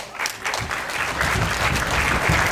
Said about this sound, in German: Aber erstmal soll dem Filmteam ganz viel Applaus geschenkt werden.